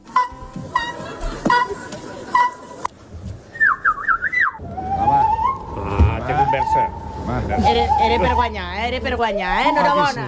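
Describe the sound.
A person whistles an imitation of a common rosefinch in a bird-imitation competition, a short run of wavering, rising and falling high notes, set among crowd chatter and background voices.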